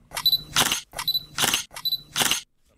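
Three sharp mechanical camera shutter clicks in an even rhythm, cameras clicking for the Auckland Festival of Photography, each a quick double snap of bright, crisp noise with a faint tonal whir before it, then silence.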